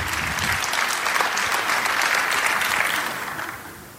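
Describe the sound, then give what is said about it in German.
An audience applauds at the end of a presentation, clapping steadily in a dense wash of overlapping hand claps, holding strong for about three seconds before gradually fading away. No one speaks over it. “Dein Applaus.”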